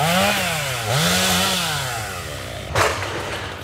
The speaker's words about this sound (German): Auch ein paar Kilometer weiter in Ohrdruf ist das Dröhnen von Motorsägen weiter allgegenwärtig.